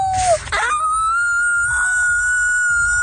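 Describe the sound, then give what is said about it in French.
Franco-Ontarian schoolchildren imitate a wolf howl for the Festival du Loup: a high wavering cry that dips, rises and then holds a long sustained note for about three seconds, with a softer second voice layered underneath. “Des élèves franco-ontariens qui font leur meilleur hurlement de loup.”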